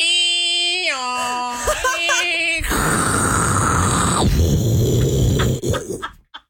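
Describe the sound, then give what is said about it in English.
A voice mimics a dial-up modem handshake: stepped, warbling tones giving way to a loud, hissing screech of static that cuts off abruptly, ending in a few short sputters. “Do old dial-up.”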